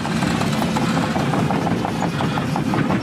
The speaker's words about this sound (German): Die Bagger rollen hier an der Grundschule in Kernen im Remstal nahe Stuttgart. Ein Sound, der heute nicht nur Lokalpolitiker anlockt.